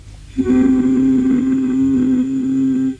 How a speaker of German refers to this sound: Können Sie mal versuchen, ganz tief zu summen?